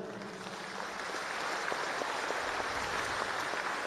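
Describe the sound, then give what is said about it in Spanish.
A crowd claps steadily in a dense, continuous wash of applause, moderately loud and sustained throughout, with no voices standing out above it. The applause is for the international press at a nationwide mobilization rally against the privatization of basic services. “Saludamos a la prensa internacional, un aplauso para la prensa internacional que nos acompaña.”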